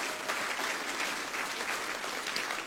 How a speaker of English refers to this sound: I gotta just brag a little bit on my wife. She did absolutely amazing. If you can just give her a nice round of applause.